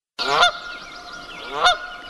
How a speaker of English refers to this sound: That's the sound of a Canadian goose. They're plentiful now, but a few decades ago, they teetered on the brink of extinction.